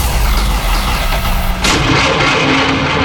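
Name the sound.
car engine cranking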